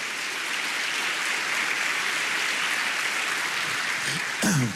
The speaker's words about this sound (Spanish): Vamos, dele palmas al Señor por eso. Dele palmas, dele palmas.